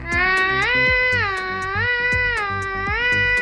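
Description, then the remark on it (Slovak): A child's voice imitates a fire engine siren, holding a loud, high wail that swings steadily up and down between two pitches, with soft rhythmic thumps underneath. “No tak to bolo vynikajúce húkanie v tejto našej ukážke.”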